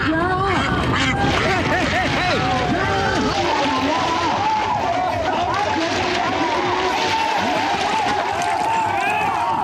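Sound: ducks quacking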